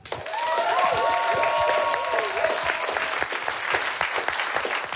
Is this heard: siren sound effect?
no